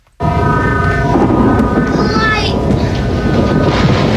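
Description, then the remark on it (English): A thunderstorm rumbles loud, a deep continuous roar that never lets up, with a faint high whine drifting through the noise partway through. “That's a storm in the background.”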